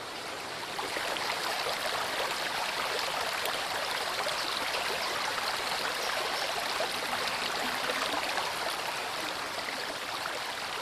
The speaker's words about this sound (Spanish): Llamativo donde los haya, encierra barrancadas por donde el agua baja vertiginosamente para formar numerosas venas que surcan la roca hasta el río principal.